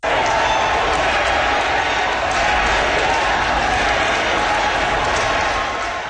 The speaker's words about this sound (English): Carrie Lynn Finlay was elected on the fourth ballot with 51% of the vote. A crowd of supporters cheered and chanted Carrie Lynn's name once she was announced as the winner.